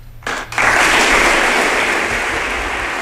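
A large crowd bursts into sustained applause for the fallera major infantil de València, loud and dense, building quickly after a brief quieter moment and continuing steadily with a low hum underneath.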